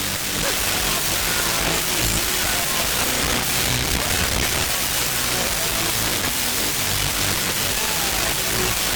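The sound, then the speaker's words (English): Dense, steady radio static hisses loudly throughout, with a faint song buried underneath that barely comes through the noise, played on the radio for listeners to identify the artist. “You got to tell me who the artist is through the static.”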